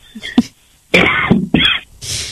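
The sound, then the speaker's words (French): A short throat-clearing rasp followed by two harsh, forceful coughs in quick succession, fairly loud, then a breathy exhale trailing off at the end. Nobody speaks. “Moi, je tousse toujours, hein, j'en relâche tout.”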